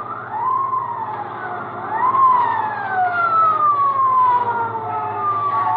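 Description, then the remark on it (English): A motorcycle police siren wails, its tone sweeping up and then sliding slowly down, repeating over a steady low engine rumble with no voices, as a police motorcyclist pulls alongside a car on Route 4. “And it ain't long before I hear that old familiar sound, a motorcycle siren.”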